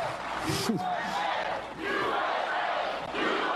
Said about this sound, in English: President Trump and the country getting an enthusiastic reception from a very happy crowd.